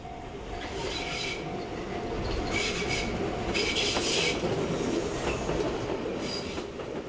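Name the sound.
train running on rails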